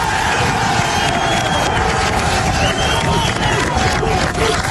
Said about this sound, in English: Now, keep that sound in your ear. The rescue workers cheering around that bullhorn, the men and women standing on the pile